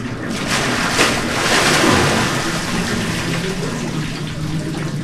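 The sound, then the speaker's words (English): Water splashes and churns steadily, swelling into a louder surge partway through before settling back into a continuous rushing wash, as helpers rock a pilgrim back into a stone bath of cold mountain water. “They say a prayer together, and then, when the pilgrim's ready, the helpers rock him back into the cold mountain water.”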